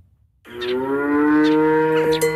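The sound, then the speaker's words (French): A dairy cow on a family farm with 50 dairy cows in Saint-Just-de-Clay, Isère, lets out a long, loud moo, a sustained harmonic low call lasting about two seconds after a brief quiet start, with faint background noise behind it. “En arrivant à la ferme de Manne, à Saint-Just-de-Clay, une frêle silhouette se cache au beau milieu des 50 vaches laitières de l'exploitation familiale.”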